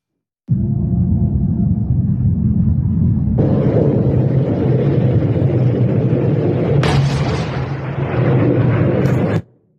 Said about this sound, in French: Très vite, de nouvelles frappes sont menées dans cette zone. Les États-Unis visent ici une base de lancement. Écoutez, la zone est secouée par des explosions.